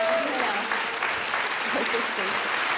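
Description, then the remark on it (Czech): A crowd, including two men, gives a standing ovation, clapping steadily and continuously in a dense, even patter of many hands, with faint voices murmuring underneath. “Vestoje tleskají i oba pánové.”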